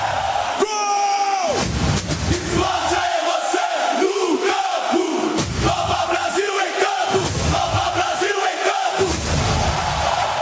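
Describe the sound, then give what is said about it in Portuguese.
A huge stadium crowd of Botafogo fans roars in celebration after Kadir's goal puts Botafogo ahead against Santos, a loud, continuous wall of cheering and shouting that swells and surges for the full length, with a sharp rising cry at the start. “Kadir coloca o Botafogo na frente. Kadir faz a festa na torcida do Fogo.”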